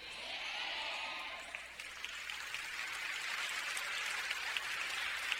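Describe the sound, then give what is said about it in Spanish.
An audience claps steadily for several seconds, a dense, even patter of many hands at a moderate level, with no voices standing out. “Si ese aplauso era para el ministerio que nos acompañó, está muy bien, hermano, pero si es para Jesús, está pobre.”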